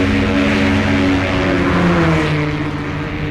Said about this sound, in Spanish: El rally París-Dakar continuaba sin problemas. Los competidores atravesaban la República de Mikanda acelerando al máximo sus máquinas para obtener el más alto puntaje.